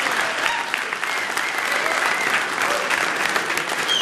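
Sustained applause from a sizable audience for two musicians, dense and steady clapping at an even level throughout, with no clear voices rising above it.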